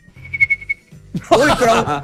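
A person whistles a single sustained note with a pulsing, wavering vibrato for under a second, then a loud voice bursts in.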